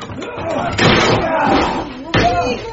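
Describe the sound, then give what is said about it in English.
Two heavy, booming blows strike a wooden shed door a little over a second apart as it is broken down to free people shut inside, with voices murmuring faintly underneath. “We're in the shed! Break the door down!”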